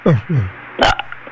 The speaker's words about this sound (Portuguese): Dá um arrotozinho só pra gente ver, vá.